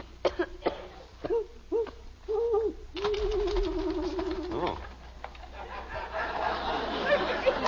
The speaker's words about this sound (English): It's an owl, Margaret. That's all it is, just an owl.